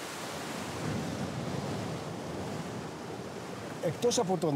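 A steady, broad, even rushing wash of sea waves beside a small 3-square-metre thermal spring pool on a spa island, before a voice begins talking briefly at the very end.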